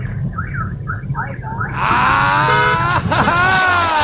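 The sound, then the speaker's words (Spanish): A car horn, the fourth in a series of car horns being demonstrated, warbles in short rising-and-falling tones, then bursts into a loud, sustained blast with a rich, buzzy tone that holds steady over a low engine rumble. “Llega la bocina número 4. Miren, escuchen.”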